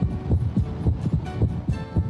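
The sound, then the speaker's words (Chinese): A heartbeat heard through a stethoscope during auscultation: muffled, low lub-dub thumps repeating in a quick, steady rhythm, clear, with faint hum between beats and no voices. “正常的心跳声音是有规律的，我们的心跳频率是每分钟50到100次，如果听到的速度低于50或者高于100，那么就要怀疑存在着心动过缓或者心动过速。”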